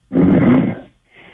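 A man in Union County, New Jersey, asleep after about 32 minutes on hold, snores loudly over a telephone line, one long rasping, rumbling breath lasting most of a second, followed by a brief pause and the faint start of another.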